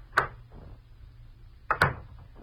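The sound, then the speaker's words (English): A doctor's office door in a brand new building opens with a sharp click, then about a second and a half later swings shut with a quick double knock of latch and wood, with no one talking. “I stepped outside the office door and walked over to the brand new stairway of that brand new building.”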